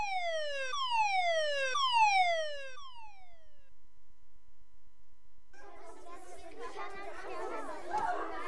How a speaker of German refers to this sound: Alle erstarrten, eine Minute war es totenstill im ganzen Schulhaus. Sogar der Feueralarm hörte allmählich auf.